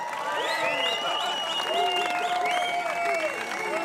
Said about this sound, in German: Applaus bitte für die Vespa Tontauben.